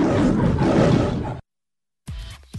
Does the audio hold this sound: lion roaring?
yes